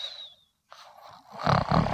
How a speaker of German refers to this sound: Fledermaus, du schnarchst. Du bist raus.